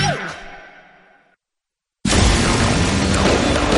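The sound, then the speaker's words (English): Fireworks boom and crackle, fading away into a brief silence before another loud, sustained blast of roaring, crackling explosions erupts. No one speaks. “Western Fireworks is the Pacific Northwest's oldest and largest fireworks company, bringing families together for generations.”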